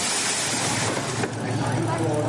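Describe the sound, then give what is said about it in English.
A straight-six BMW race car engine fires up on pit lane during the 24 Hours of the Nürburgring, loud, a steady throaty roar that holds for a couple of seconds, with indistinct voices underneath. “Fire up that straight six BMW engine.”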